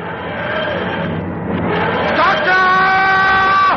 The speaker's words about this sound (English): watch in awe as the TARDIS dematerializes.